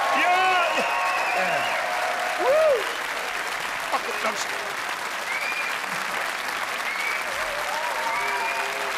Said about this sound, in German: Hey. Applaus, Applaus, ja!